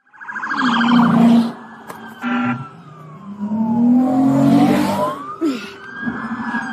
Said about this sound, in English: continued to push the ambulance along Terra Boulevard, forcing Georgia State Patrol troopers to employ a pit maneuver.